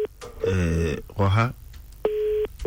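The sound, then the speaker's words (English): A telephone line tone while placing a call to a grandmother sounds as a steady electronic buzz-tone, faint at the start and clearer in one short burst near the end, following a couple of brief voiced sounds. “Calling the grandma. Yes, we're calling grandma.”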